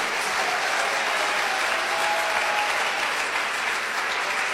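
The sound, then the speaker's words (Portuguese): An audience at a church service claps hands for Jesus in a dense, steady wash of applause that holds at an even loudness for several seconds, with no distinct individual claps standing out. “Mas essas palmas estão muito fraquinhas, vocês não estão acreditando?”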